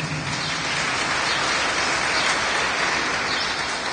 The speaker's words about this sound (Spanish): ¿Cuándo dan palmas al Señor?